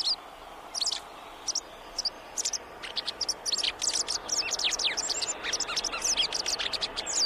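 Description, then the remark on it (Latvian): White wagtail calls, a run of sharp, high chirps and twitters that come in quick bursts and grow busier, heard over a soft outdoor hiss with no voices. “Baltā cielava ir Latvijas cilvēkiem ļoti tuvs putns, gan fiziski, gan garīgi.”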